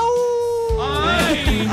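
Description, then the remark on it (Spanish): A fairly loud wolf howl, one drawn-out wavering note that bends and rises in pitch, with a second voice-like wail joining partway through. “Ay, aúlla.”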